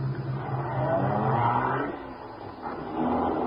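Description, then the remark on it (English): A car engine turns over and revs up, its low rumble swelling, briefly easing off, then surging again as the car pulls away. “Get in this car.”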